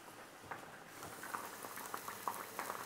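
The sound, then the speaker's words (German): Food simmers in a pan, a steady low bubbling with scattered soft pops and crackles throughout, fairly quiet and with no voices. “So, das gart jetzt hier so vor sich hin, die röste ich hier, ich drehe die nochmal um.”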